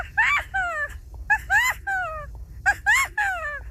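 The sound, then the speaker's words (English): A 12-year-old child imitates a California quail, repeating a three-part call of rising and falling whistled yelps in three bursts, fairly loud against a low background hum. “California quail.”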